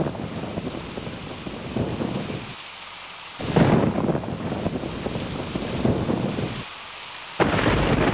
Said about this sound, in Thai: พายุฝนฟ้าคะนองแล้วเราวิ่งเข้าไปหลบที่ตู้โทรศัพท